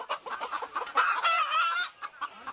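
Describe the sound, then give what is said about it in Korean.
Several Gwibi chickens, a small breed with a distinctive look kept for premium eggs, cluck and squawk on a farm of about 2,000 birds. They make a busy overlapping chorus, with a longer drawn-out call rising in the middle before the clucking trails off. “이곳에서 키우는 닭이 좀 생소한 닭이라고 합니다.”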